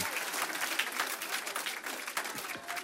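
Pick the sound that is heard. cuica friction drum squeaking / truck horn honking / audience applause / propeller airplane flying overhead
audience applause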